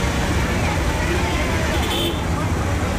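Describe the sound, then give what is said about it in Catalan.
Dense, steady city traffic in Karnal fills the scene with a constant roar of engines and road noise, brief horn toots, and a murmur of voices, busy and chaotic throughout. “De tota manera, tot i ser petita, Karnal és una ciutat força caòtica, amb cables d'electricitat per tot arreu, brutícia, trànsit...”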